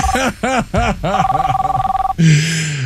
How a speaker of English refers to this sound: silence that phone already.